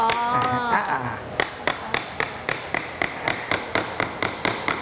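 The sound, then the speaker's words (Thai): A hammer taps the middle piece of a wooden joint into place, striking it from the top, the wood's shoulder being thin, with a steady run of about a dozen sharp knocks, quickening slightly, after a brief stretch of voices at the start. “ใส่ลักษณะเดียวกันกับตัวเมื่อกี้แหละ ไม่ต้องมีการลบมุมเลยใช่ไหม ไม่ตัวนี้ไม่ต้องลบครับตัวกลางเราก็ระวังนิดนึงเพราะว่าบ่าไม้มันบางใช้ค้อนทุบด้านบนเลยครับ”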